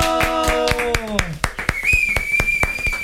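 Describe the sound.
Steady, rhythmic hand clapping with a sliding, voice-like tone at first, then a long, high, sustained whistle carrying over the claps. The clapping is evenly paced.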